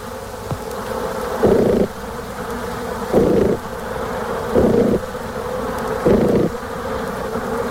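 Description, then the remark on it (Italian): Honeybee buzzing in four evenly spaced pulses during a waggle dance, each a short burst of louder droning over a steady hum of bees. The pulses indicate the distance to a food source. Clear, with no voices. “L'intervallo di tempo delle oscillazioni e il numero degli impulsi sonori emessi ad ogni ronzio indicano la distanza dalla fonte del cibo.”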